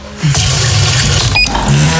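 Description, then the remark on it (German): A coffee machine's water tank being refilled: a steady rush of water over a low mechanical hum, with a brief plastic click partway through and no voices. “Wassertank leer.”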